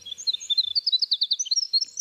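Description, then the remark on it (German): A winter wren sings a rapid, high-pitched tumbling song of bright trills and chirps, running continuously, with no voices. “Das ist zum Beispiel der Fall bei Winterzaunkönigen. Die haben meistens mehrere Partnerinnen pro Saison. Und die klingen dann so.”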